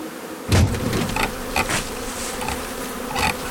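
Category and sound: insect, honeybee swarm buzzing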